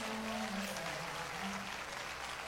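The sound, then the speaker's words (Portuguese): A church audience applauding the Lord during live worship, a steady dense wash of clapping that holds at an even level throughout, with a faint low tonal hum underneath. “Pode aplaudir ao Senhor com mais alegria.”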